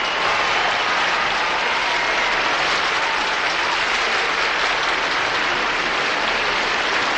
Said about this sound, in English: And now, oh, here's the talented actor, Mr. Norman Fell, the very funny landlord of... Go ahead if you want applause, you know...